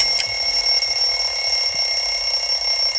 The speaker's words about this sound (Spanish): Ha sonado el final del cronómetro, que suena como un despertador. Me da igual, es una fijación mía.